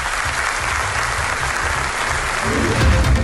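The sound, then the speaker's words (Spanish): A crowd claps steadily in a dense, continuous wash of applause welcoming a woman back to her hometown in León, Spain; the applause swells slightly louder toward the end, with no voices standing out. “Hoy le han recibido con aplausos.”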